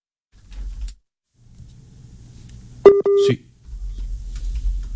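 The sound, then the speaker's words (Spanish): A short WhatsApp calling tone, a steady electronic beep lasting under half a second with a sharp click, rises midway through a muffled, rumbling background with faint indistinct voices. “Pero no, WhatsApp.”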